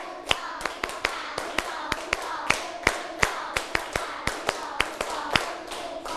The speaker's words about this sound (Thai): ปรบมือ1ชุด1ชุดก่อนนะตั้งสติปรบมือ1ชุดปรบมือ2ชุดปรบมือ3ชุด